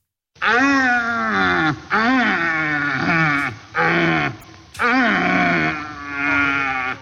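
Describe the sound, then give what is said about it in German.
A male red deer stag in the rut in the Allgäu, weighing about 200 kilos, roars repeatedly in deep, throaty, groaning bellows, about five long rasping calls with short gaps between them, loud and rough with rich harmonics, no other voices present. “Ja, ein Rothirsch, die haben gerade ihre Brumpf. Das heißt, die stehen da, schreien rum.”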